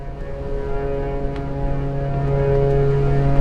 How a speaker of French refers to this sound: Ce sont les sirènes de la colère et celles de l'incompréhension. Ici, au large de la Géorgie et sur toutes les mers du monde, les capitaines de navires se sont mis d'accord et enclenchent leurs sirènes en même temps